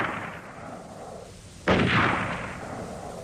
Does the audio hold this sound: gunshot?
yes